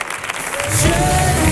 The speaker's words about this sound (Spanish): Fuerte el aplauso